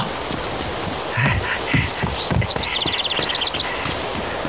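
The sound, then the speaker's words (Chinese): Wild ducks at a lake quack in short, scattered bursts over a busy outdoor background, with a quick run of calls near the middle. Soft low thuds sound underneath, and nobody speaks. “哦，那是小鬼子，隔三差五的来湖边打水鸭子，像是个当官的。”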